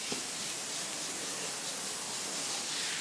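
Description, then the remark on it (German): Water sprays steadily as a hippopotamus pool is rinsed out to wash away leftover meat dust, a continuous, even hiss heavy in the upper range that holds at a moderate level for the whole stretch, with no voices. “Nochmal schnell alles ordentlich durchspülen, dass auch die Reste von dem Fleischstaub und sowas alles wegkommen.”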